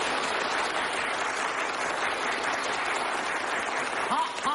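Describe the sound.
An audience applauds on cue as a yellow flag is raised, a dense, even wash of many hands clapping at constant loudness for several seconds, with a brief voice-like call rising over it at the very end.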